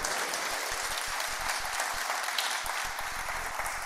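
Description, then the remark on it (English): Steady applause from an audience for the sister of Washington governor Bob Ferguson, as he takes the podium; many hands clapping in a dense, continuous patter at an even volume for several seconds, with no voices over it. “First, a round of applause for my sister and her contributions.”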